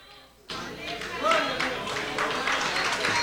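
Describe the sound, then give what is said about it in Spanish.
A crowd breaks into sustained applause for Christ, steady and fairly loud, with a few voices calling out over the clapping. “Dale un aplauso a Cristo, que Él se lo merece. El aplauso sea más fuerte, que Él se lo merece.”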